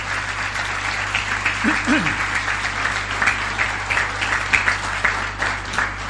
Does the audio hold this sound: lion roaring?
no